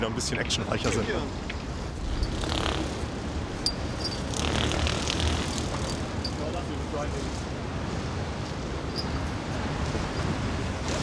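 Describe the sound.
A helicopter's rotor and engine roar steadily and loudly throughout, a dense, rumbling wash of noise with a faint rhythmic thumping, while a voice speaks underneath; a helicopter crew from Wilhelmshaven picking up a pilot from a container ship in the North Sea.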